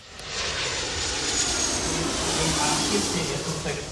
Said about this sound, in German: Während draußen die Verkehrsflieger noch mit Menschen im Cockpit starten und landen